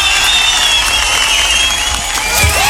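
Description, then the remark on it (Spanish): A dense, steady burst of applause with crowd cheering fills the whole stretch, loud and continuous, like a canned clapping effect with no pauses, sent as a 'bag of applause' greeting to a family in Bagua. “Muy bien, le envió la alforja de aplausos.”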